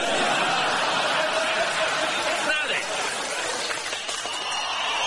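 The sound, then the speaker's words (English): A large crowd calls and chants for someone to come out, in a dense, continuous roar of many voices, steady and fairly loud for several seconds, with no single voice standing out. “What's that noise? It's the crowd. They're calling for you”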